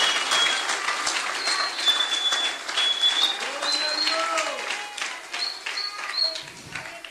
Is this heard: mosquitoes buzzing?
no